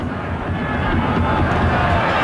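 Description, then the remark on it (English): A large stadium crowd at an LAFC soccer match roars and cheers steadily, a dense wash of many voices sustained at a constant loud level throughout without pause, responding to goal scorer Saba Lobjanice after he made a great run and forced another corner kick. “And for the corner, you can hear the crowd responding to Saba Lobjanice, the goal scorer here, who made a great run and has forced another corner kick.”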